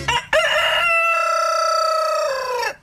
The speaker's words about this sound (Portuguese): Será que tá cantando ainda o galo? Vamos ouvir.